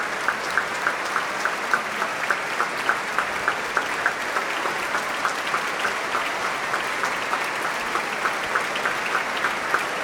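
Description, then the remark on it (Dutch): A large audience claps steadily and continuously, the applause settling into a fairly regular rhythmic beat, calling for an encore from Augustin Haderich, with no voices standing out. “Want dit publiek, dat wil een toegift.”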